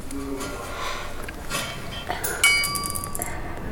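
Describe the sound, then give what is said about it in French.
Pebbles dropped through two parallel slits into darkness strike the ground in a few scattered impacts, the loudest a sharp clink followed by a thin, ringing metallic tone that lingers and fades. No one speaks. “créant 2 fentes parallèles par lesquelles nous pouvions lâcher les cailloux dans le noir et écouter le bruit qu'ils faisaient en touchant terre. On jette des cailloux.”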